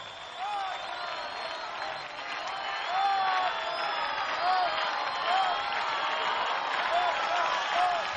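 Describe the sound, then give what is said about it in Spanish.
A large Correntino audience applauds and cheers steadily for several seconds, a dense wash of clapping with shouts and whoops rising slightly in the middle. “Pues Correntino, un fuerte aplauso.”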